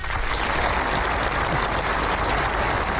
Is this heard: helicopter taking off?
no